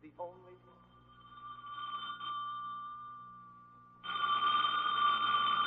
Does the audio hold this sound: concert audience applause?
no